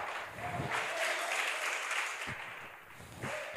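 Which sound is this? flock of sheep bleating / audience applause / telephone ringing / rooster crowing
audience applause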